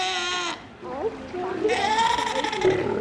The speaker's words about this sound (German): Ziegen sind es jedenfalls keine, sondern Mähnenrobben, ja, die schreien so. Aber sind auch noch Babys. Zwei davon sind kürzlich im Tiergarten Schönbrunn in Wien auf die Welt gekommen.